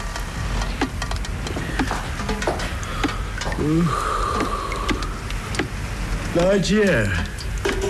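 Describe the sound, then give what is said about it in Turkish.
Steady rain hisses throughout at midnight on a leaking house, with scattered sharp drips and taps, while brief murmuring voices rise over it now and then. “ondan sonra da Zihni yağmur yağıyor de”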